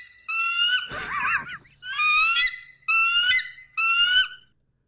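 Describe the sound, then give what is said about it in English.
A bald eagle gives a series of about five high, piercing, chattering cries in quick succession, one harsher and screechier than the rest, loud with no talking. “You want the eagle? The American bald eagle, officially.”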